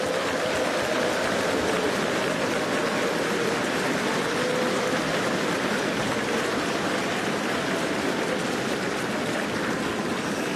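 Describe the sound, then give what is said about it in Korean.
Sustained applause from a large crowd at a Far East Broadcasting Company gathering, given in encouragement to fellow ministry partners: a dense crackling wash of many hands clapping steadily for about ten seconds without pause, with no voices standing out. “다시 한번 양옆에 계신 우리 믿음의 동역자들에게 격려의 박수를 보내주시기 바라겠습니다.”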